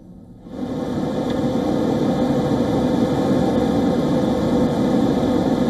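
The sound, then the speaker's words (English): A loud, steady jet engine roar of Russian fighter jets, such as an Su-27, kicks in after a brief quiet moment. It holds at an even, droning level throughout, with no voices. The jets fly 6 meters from an RAF spy plane over the Black Sea, in a British Defence Ministry video. “a video released by the British Defence Ministry shows two Russian fighter jets flying just 6 meters from an RAF spy plane”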